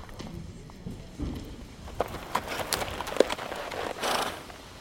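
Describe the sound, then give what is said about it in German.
Horse hooves clip-clop in an uneven, unhurried rhythm, a handful of dull knocks over a steady outdoor hiss, with no one speaking. “steigt vom Pferd und lässt es laufen.”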